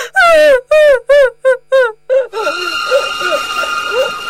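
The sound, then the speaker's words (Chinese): A woman cries and wails in loud, halting sobs that grow shorter, then keeps crying faintly beneath a steady humming background, in a room where three men sit silent. “就这样，在钱之江、汪洋和严金生的房间里，三个男人在唐一娜的哭声中沉默着。”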